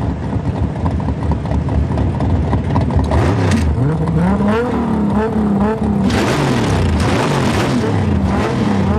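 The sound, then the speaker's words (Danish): Loud car engines rev and roar continuously in a street race scene from a film clip, pitch rising and falling as they accelerate hard, with bursts of higher-pitched whine. “Men i aften ved midnat kan publikum læne sig tilbage i sæderne og nyde en god gang gaderæs, motorbrøl og store biler.”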